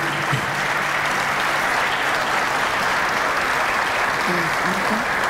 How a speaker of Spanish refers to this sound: fuerte el aplauso para la parcero mayor de Cuyo.